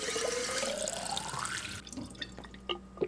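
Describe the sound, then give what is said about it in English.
A tap runs steadily into a glass, the pitch rising as it fills, then shuts off, leaving a few scattered drips and small clinks. Fairly loud, with no talking. “But first, can I please have a glass of water?”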